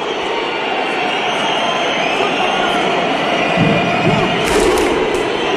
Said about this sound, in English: So that's Iceland. They bang the drum and the fans know exactly when to come in with the big hoo. And that eggs on their players.